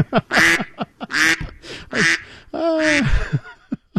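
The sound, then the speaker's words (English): A flurry of loud, nasal quacks from a family of ducks behind radio host Aaron Rand in the morning, several calls overlapping in quick, irregular bursts with a few shorter clucks between them and no talking. “That's Aaron Rand and a family of ducks behind him joining us this morning.”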